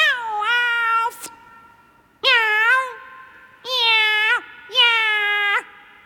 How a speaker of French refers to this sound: Et quand tu as du chagrin, comment tu miaules?